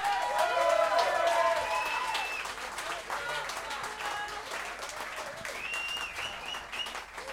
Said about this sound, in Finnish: Antakaa isot aplodit